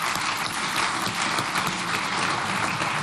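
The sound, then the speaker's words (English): A large audience claps steadily and loudly for Google, Meta, Oracle and Digital Realty, a dense, continuous wash of many hands that holds at full strength for the whole three seconds, with no voices heard. “We have a round of applause for them.”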